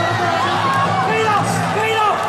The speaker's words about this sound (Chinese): 就大多数人是欢呼， 对 啊，这个是又放心又欢呼啊，狂喜。